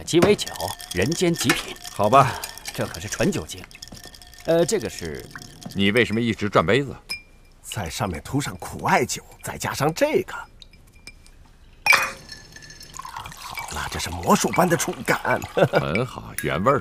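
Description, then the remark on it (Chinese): Glass clinks a few times as a Sazerac cocktail with bourbon and bitters is mixed and the glass is turned while being coated with absinthe, with light pouring and dripping sounds, mostly under people talking, plus a couple of sharper taps standing out in brief pauses. “你为什么一直转杯子？”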